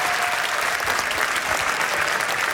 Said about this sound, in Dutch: Iemand die zo stoer was om het hier in het café te komen spelen. Mag ik daarvoor alvast een applaus, dames en heren.